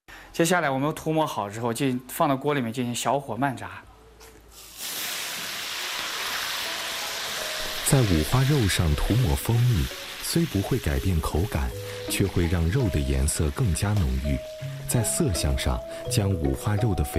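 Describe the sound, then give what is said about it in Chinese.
Honey-coated pork belly, for a Shangzhou stew, fries slowly over low heat in hot oil with a steady sizzle that begins partway through and hisses on to the end, while a man talks over much of it. “接下来我们涂抹好之后，进放到锅里面进行小火慢炸。”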